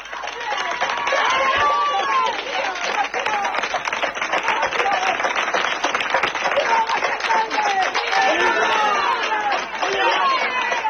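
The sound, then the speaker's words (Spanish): A dense crowd of villagers in García Hernández, near Alba de Tormes, Salamanca, shouts insults and jeers at squatters who occupied a house, over steady, rapid clapping, many overlapping voices rising and falling in a loud, continuous din with no pauses. “Pese a que se desataron momentos de tensión con gritos e insultos hacia los ocupas, no hubo que lamentar incidentes ni agresiones gracias al trabajo de la Guardia Civil.”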